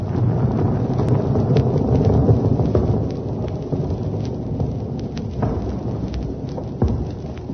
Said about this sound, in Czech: Takže tohle už byla opravdu druhá lavina. Za takovou malou chvilku. Hrome, tady ty laviny padají nějak často.